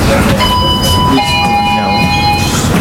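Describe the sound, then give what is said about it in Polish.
A tram in a Kraków tram depot releases its brakes and pulls away: a steady electric whine rises out of a low rumbling hum and shifts pitch as the vehicle slowly and smoothly gets moving, fairly loud. “Puściły hamulce, okay. Spokojnie, powoli nam płynnie rusza.”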